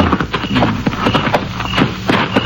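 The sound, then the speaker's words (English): Horses' hooves clip-clop late at night near Apache Peak, in a steady, uneven rhythm of repeated sharp knocks, moderately loud, with no talking over them. “Better tie the horses to that mesquite.”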